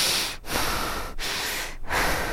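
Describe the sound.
Loud, heavy breathing, with harsh rushing breaths broken by three short pauses, sounding labored and rhythmic, with no talking.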